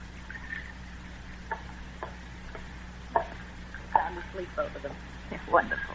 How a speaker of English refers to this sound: Is there coffee here? Yeah, I'll pour you some. Go ahead.